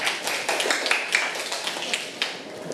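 A class of students applauds themselves after reciting a memorized poem, a steady patter of many overlapping hand claps filling a couple of seconds at moderate volume, with no voices standing out.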